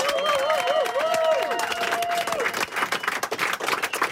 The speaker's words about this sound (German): Aber ja, nehmen wir den Applaus mit gleich für das nächste. Das nehmen wir mit.